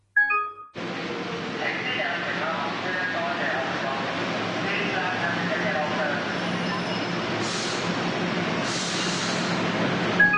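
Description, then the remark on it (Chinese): A 1979 recording from 1 October, the opening day of Diamond Hill MTR station in Hong Kong: a subway train rumbles steadily through the busy station amid murmuring crowd voices, with two sharp hissing bursts of air brakes near the end; loud, dense and continuous. “当日10月1号，除咗系钻石山地铁站开幕之外”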